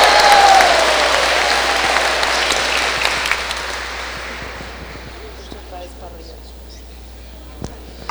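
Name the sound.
applause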